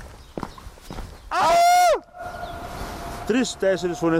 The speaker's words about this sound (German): Hast du es gehört? Meine Stimme war noch drei weitere Male zu hören.